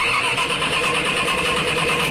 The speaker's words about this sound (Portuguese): Dificuldade de dar a partida?